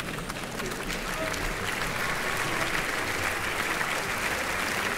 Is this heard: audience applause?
yes